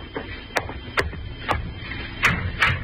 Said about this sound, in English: An hour later, you're startled by a knock at your door.